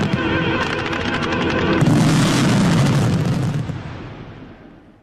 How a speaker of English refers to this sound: 2,300 fireworks were set off to praise athletes who delivered impressive performances at the Winter Olympics and the Men's Soccer World Cup. One spectator had this to say. The fireworks were on a huge scale. They were incredibly impressive.